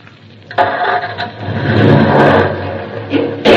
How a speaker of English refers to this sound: The brake. No reason for it to be on. No. All I'm going to do is start the car. Now, the starter.